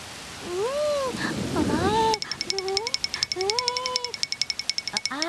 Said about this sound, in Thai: โอ้ไม่ทันซะแล้วฝนตกลงมาซะแล้วล่ะฟ้าฟ้า ฮะฝนตก เป็นยังไงบ้างฟ้าฟ้าตัวเปียกไหมจ๊ะ